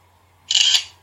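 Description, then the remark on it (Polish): A single synthetic camera shutter click from a phone in auto mode photographing a McDonald's receipt, a bright, crisp burst lasting about a third of a second, fairly loud over a faint steady hum. “Już włączam spust migawki. Wykonywanie zdjęcia.”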